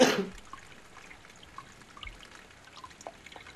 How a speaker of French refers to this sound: Je peux tousser deux secondes?